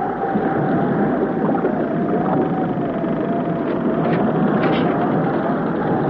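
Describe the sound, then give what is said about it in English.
A dense, unbroken roar of wind and churning sea from a storm surrounds a boat whose engines are dead, tossing it about. Loud and steady throughout, with a thin whistling tone running underneath and occasional brief creaks or splashes. No one speaks. “Is the storm getting worse, Jerry? The boat is tossing about much more.”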